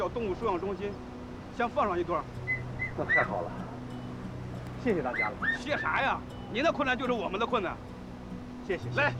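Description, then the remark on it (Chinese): A small, thirsty dog barks and whimpers repeatedly, its high yelps and whines coming in bursts with a busy, noisy background behind them. “安哥，我看那小狗渴得很”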